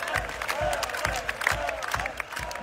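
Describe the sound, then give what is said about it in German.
A concert crowd chants the name of a fan brought up on stage, in a steady rhythm, with regular low thumps roughly every 0.4 seconds under a dense wash of cheering voices and some scattered clapping. “und das Publikum ruft seinen Namen.”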